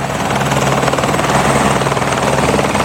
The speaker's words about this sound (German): Helikopter, die starten, Helikopter, die landen, das ist man sich im Berner Oberland gewöhnt. Sie gehören dort einfach zum Alltag dazu.